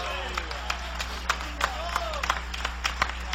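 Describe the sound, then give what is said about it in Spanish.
A crowd claps steadily for a few seconds, applause offered to Jesus during a Christian sermon, many hands overlapping into dense, irregular applause, with scattered voices calling out underneath. “Dale ese aplauso a Jesús.”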